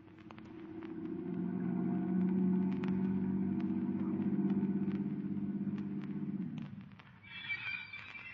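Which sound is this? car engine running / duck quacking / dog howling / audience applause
car engine running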